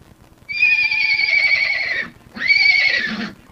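A quarter horse whinnies twice, a long shrill neigh followed by a shorter one after a brief pause, loud with a quavering, harmonic tone.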